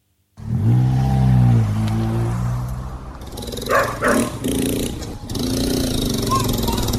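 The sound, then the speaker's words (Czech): Dogs in a favela in São Paulo, Brazil, bark in a few sharp bursts at unexpected visitors, mixed with the steady hum and whine of a motor engine running throughout. “Na první pohled je tohle úplně běžná favela, hodně odpadků, hodně psů, kteří vítají ve Třelce nečekané návštěvníky”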